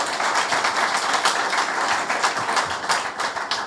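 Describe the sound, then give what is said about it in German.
An audience at the Heimathaus in Lunestedt applauds steadily, a dense wash of many hands clapping at a fairly even loudness throughout, with no voices heard over it. “So, genau, jetzt darf auch nochmal applaudiert werden.”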